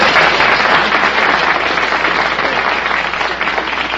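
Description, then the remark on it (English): The audience of the quiz show You Bet Your Life applauds steadily for several seconds, a dense, even wash of many hands clapping at once that fades slightly toward the end, with no voices standing out. “Well, that's hardly an elephant, but give us a hand.”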